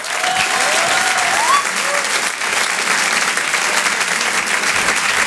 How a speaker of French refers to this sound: Je vous demande de l'applaudir très fort pour cet Open du Rire.